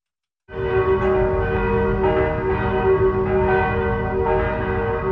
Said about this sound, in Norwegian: blant annet en video hvor man kan høre kirkeklokkene.